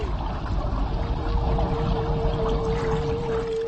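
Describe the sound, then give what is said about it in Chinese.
A lead humpback whale's bubble curtain hisses and rushes underwater, encircling a school of fish and forcing it toward the surface, in a dense, continuous bubbling roar with a faint steady hum running beneath it, constant for the whole stretch. No voices. “随后，领头的座头鲸制造出一道气泡帘幕，将鱼群紧紧包围，迫使鱼群向水面游去。”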